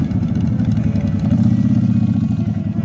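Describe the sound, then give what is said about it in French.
Motorcycle engines idle steadily during a motorcycle parade, a low rumbling throb with rapid pulsing and some mechanical clatter, holding constant throughout without any voices. “Au menu de la journée, un défilé de motos, des concerts, deux films sur écran géant.”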